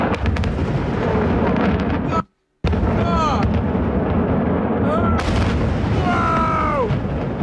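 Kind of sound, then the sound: impact, explosions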